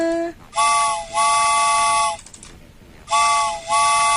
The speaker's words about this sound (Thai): รู้ฟังรถไฟออกก่อนนะ